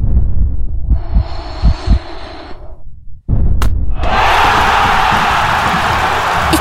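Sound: football stadium crowd roaring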